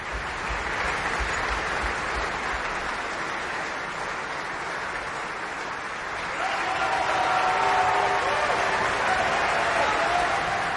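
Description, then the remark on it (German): Sustained applause from a large audience at the Bayreuth opera house after a Ring performance, dense steady clapping that swells slightly louder midway, with faint whistles or cheers rising above it toward the end. “Und Sie hören es am Publikum, am Applaus.”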